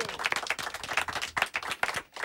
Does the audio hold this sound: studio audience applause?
yes